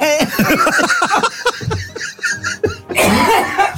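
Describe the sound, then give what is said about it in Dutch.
A heavy coughing fit: a rapid run of harsh, voiced coughs and throat-clearing bursts, loud and uneven, ending in a rough, breathy explosive cough. “Oh, ik moet enorm hoesten.”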